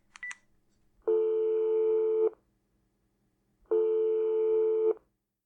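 A quick burst of high keypad beeps as a phone call to someone's mother is dialed, then two long, steady, buzzy ringing tones separated by a pause of silence while the line connects. No one speaks.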